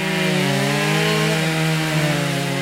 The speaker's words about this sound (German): Hier hat sich zum Glück kein wütender Wespenschwarm über mein Aufnahmegerät hergemacht. Das sind nur die Kettensägen von zweien der 22 Kunstschnitzer, die vergangenes Wochenende in Altenkessel zu Gast waren.